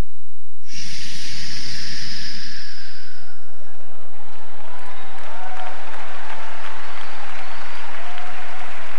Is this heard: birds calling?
no